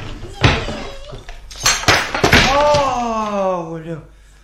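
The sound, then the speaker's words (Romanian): A lamp topples and crashes, giving a few sharp clattering bangs and a breaking clatter, followed by a woman letting out a long, falling cry. “A căzut lampa.”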